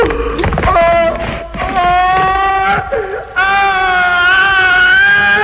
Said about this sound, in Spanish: Pascual es conducido a su ejecución entre gritos, sollozos y empujones. Toda la contención que ha mostrado el personaje hasta entonces deviene, al final, en chillidos, ojos desorbitados y terror ante la inminencia de la muerte.